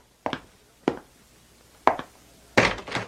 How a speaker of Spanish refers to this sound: ¡Ay! Alguien toca la puerta. ¿Quién podrá ser?